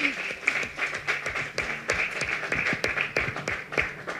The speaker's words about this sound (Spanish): Así que bueno, felicidades y yo les pediría pues un aplauso